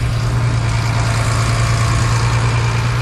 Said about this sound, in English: We watch as a couple of pickup trucks and a big dump truck start heading in our direction.